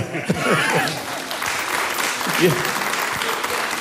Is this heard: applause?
yes